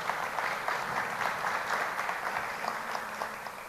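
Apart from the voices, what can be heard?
audience applause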